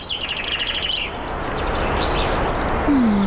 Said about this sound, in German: man hört den Wind und Vögel singen